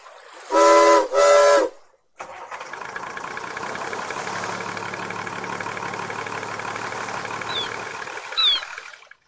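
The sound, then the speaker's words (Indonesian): Two loud, harmonic whistle blasts sound back to back, then after a brief pause a ship's engine starts and settles into a steady rumbling drone, with faint high chirps near the end. “Yuk, kita hidupkan kapal Profesor.”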